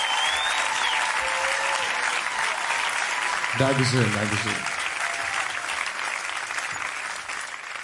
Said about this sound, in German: Lieber Autofahrer, der ganze Applaus hier hat mich schon ganz verrückt gemacht.